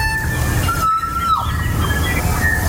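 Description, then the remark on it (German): A kokako, a very rare bird of New Zealand, calls with long, clear, organ-like whistled notes, one held steady before sliding downward, with fainter high tones, all over a constant low rumbling background. No one speaks. “Das ist ein sehr seltener Vogel, so klingt er.”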